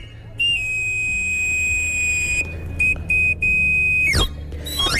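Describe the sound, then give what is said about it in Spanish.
A knife sharpener's whistle call, as once heard in Madrid's Madrid de los Austrias quarter: a shrill held note, a few short repeated toots, then a quick sliding run down and back up the scale, over a low background rumble. “Airbnb acabó con los afiladores.”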